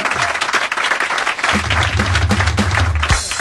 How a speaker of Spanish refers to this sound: El aplauso para los borrachos.